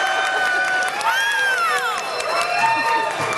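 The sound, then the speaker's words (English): A large audience at a show applauds and cheers loudly and continuously, with many voices whooping and shouting in rising and falling tones over a steady wash of clapping. “By the way, I believe that is the loudest applause we've ever had at this show.”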